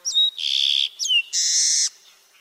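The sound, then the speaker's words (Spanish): A small songbird, at most 11 cm long, brown with a streaked back, barred wings and a black crown streaked with white, sings two short phrases, each a high, clear slurred whistle followed by a longer, buzzy trill, loud and alone with no talking. “Es de color pardo con el dorso estriado y las alas barradas. Tiene una corona negra rayada de blanco.”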